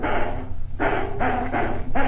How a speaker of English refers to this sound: Tino, be quiet there. Tino, will you keep still? Tino, if you keep barking, I'm going to turn Mr. D's radio show off and listen to someone else.